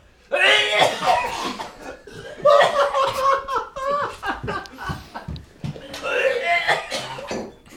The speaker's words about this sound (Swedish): Är det du som hostar? Det är inte bara jag som hostar.